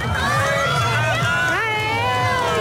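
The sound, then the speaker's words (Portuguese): A crowd cheers and shouts excitedly as the moon completely covers the sun during a total solar eclipse, many voices overlapping in a sustained, loud roar of rising and falling high-pitched calls with no single voice standing out. “Como se fosse uma passagem de ano, porque realmente o sol está a desaparecer, a lua está a cobrir por completo e, aliás, a reação é esta.”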